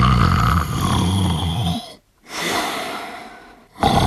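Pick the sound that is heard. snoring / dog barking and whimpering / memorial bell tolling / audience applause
snoring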